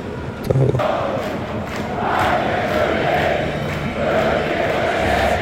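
A steady roar of the baseball crowd at Fenway Park, the Boston Red Sox stadium: a dense wash of many voices murmuring and cheering at a constant loud level, with a brief sharp knock near the start.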